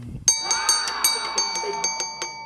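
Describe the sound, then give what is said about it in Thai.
A small bell rings rapidly, struck about ten times in quick succession, its bright metallic tones ringing on and overlapping between strikes, with no voices, marking the Thai TV show segment Kradueng Lan Baan Thanai. “ต้องมีกระดิ่งลั่นจึงจะสมกับรายการ”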